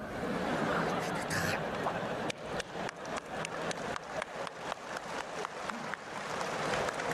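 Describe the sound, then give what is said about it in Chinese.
An audience breaks into applause, dense crowd clapping that turns into steady, fairly rhythmic claps, with some laughter and chatter mixed in at the start. “太好了， 还鼓掌！”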